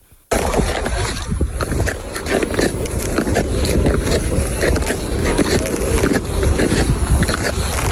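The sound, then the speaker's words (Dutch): Ice skates glide over natural ice in a steady, loud rush of scraping and swishing, broken by frequent sharp clicks and crackles as the blades strike and cut the surface. “Het geluid van je jeugd, klonk het ook zo? Ja, ik denk het wel.”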